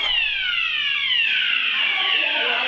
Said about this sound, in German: Feueralarm!